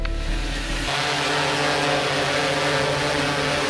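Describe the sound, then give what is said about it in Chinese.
A steady whirring buzz of a drone's small propellers holds at a constant pitch throughout, with dense harmonic whine and no voices, after a brief low rumble at the start; the drone is flown up a residential building to check for open windows. “带着无人机来一趟”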